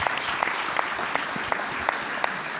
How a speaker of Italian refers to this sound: Un applauso, Presidente, grazie.